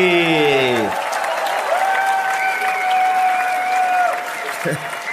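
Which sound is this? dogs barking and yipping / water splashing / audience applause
audience applause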